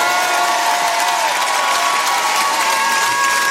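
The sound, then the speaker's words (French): A concert audience at RTL2 Pop Rock Live applauds and cheers steadily as the band's musicians are introduced, a dense, loud wash of clapping with a few sustained whistles or shouts held over it, unbroken for several seconds. “Je voudrais que vous fassiez un maximum de bruit.”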